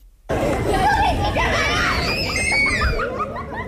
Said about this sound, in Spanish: ¿Y esos niños jugando fuera del estudio no deberían estar ya en la cama?